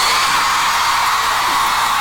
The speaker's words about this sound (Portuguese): Yo quiero oír el grito de las chicas.